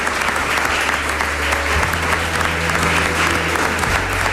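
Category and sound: crowd, audience applause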